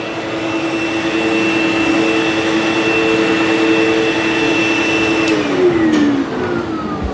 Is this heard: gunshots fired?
no